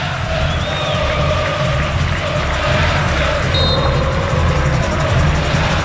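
A football stadium crowd at Vila Belmiro during a Santos match roars and cheers after a free kick is awarded to Santos, a dense, steady wash of noise that stays loud throughout, with a couple of thin whistle-like tones rising briefly from the din.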